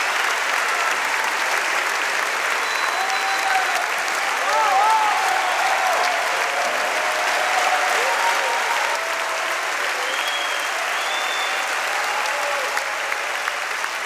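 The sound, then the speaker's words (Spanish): Sustained applause from a large audience fills the whole stretch, a dense steady patter of clapping with faint whistles and cheers rising above it now and then. “aplauso, ballena, ponle todos maestros, por favor.”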